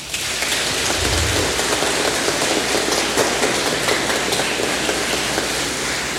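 A church audience gives Father Tomás, a departing parish priest, a round of applause: a dense, even wash of many hands clapping steadily for several seconds, with no voices rising above it.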